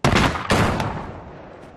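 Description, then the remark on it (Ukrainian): Two sharp, loud gunshots fire in quick succession about half a second apart during a tactical shooting drill, each followed by a long reverberant decay trailing off outdoors. “Стріляй, роби вже вправу.”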